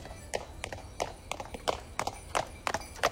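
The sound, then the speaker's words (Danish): Horse hooves clip-clop in a steady, paired rhythm on a hard surface as a horse-drawn carriage giving rides from the town square in Forborg passes at a walk, fairly loud over a low background rumble. “I dag er der også mulighed for at tage en hestevognstur fra torvet i Forborg.”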